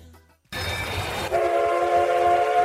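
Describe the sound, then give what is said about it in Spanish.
After a brief quiet moment, a steam train rumbles with a hissing, rolling noise at the steam fair in Sant Vicenç de Castellet, then a loud steam whistle blows a sustained, steady tone over it until the end. “Celebrem aquest cap de setmana la Fira del Vapor de Sant Vicenç de Castellet.”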